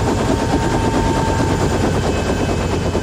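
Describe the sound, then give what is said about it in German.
A helicopter landing on a field right next to a headquarters, its rotor chopping loudly and rapidly, a dense, steady thudding with a roaring engine underneath and no voices. “Der Hubschrauber landete auf einem Feld direkt neben dem Hauptquartier.”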